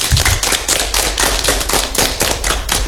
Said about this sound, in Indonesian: Oke, pintar sekali. Tepuk tangan buat kita dulu.